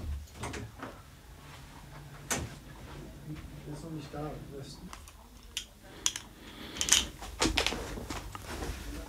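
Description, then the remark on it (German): A door opens with a latch click as a woman leaves the room, with a few knocks and thuds, plus scattered clicking and shuffling, while faint voices murmur in the background. “Sie geht zur Tür.”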